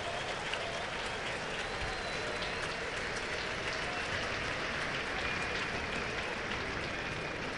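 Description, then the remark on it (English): A baseball crowd at a Chicago White Sox game applauds pitcher Zebby's performance, a dense wash of clapping that holds at an even, fairly loud level for several seconds with a faint murmur of voices mixed in. “Crowd appreciative of what Zebby's done.”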